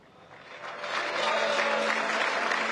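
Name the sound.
audience applause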